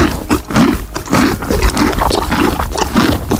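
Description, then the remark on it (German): A horse on a horse farm chewing a cucumber, loud wet crunching and grinding in a steady rhythm of bites about twice a second, with no voices. “Oh, da wurde aber ordentlich gekaut. Das muss irgendwas Hartes sein.”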